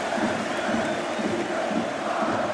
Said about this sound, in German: Der macht da schön Alarm, der Marokkaner. Immer wieder nimmt er das Publikum mit. Immer wieder fordert er die auf, jede Aktion frenetisch zu feiern und zu befeuern.